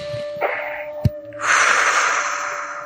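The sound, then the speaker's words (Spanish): A woman takes a deep breath when asked to breathe deeply: a short airy intake, a brief click, then a long, loud, steady rush of breath lasting over a second. No talking. “quiero que respire profundamente.”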